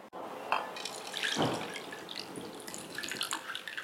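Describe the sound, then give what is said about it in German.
Water pours and splashes steadily into a sprouting jar over wheat grains for a few seconds, with bubbling and gurgling textures throughout and no voices. “Hier macht man Weizen rein, übergießt es mit Wasser.”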